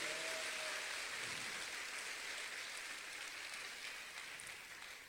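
An audience applauding the Lord during a church service in a steady, dense wash of clapping that fills the room, holding strong throughout before easing slightly at the end, with no voices over it.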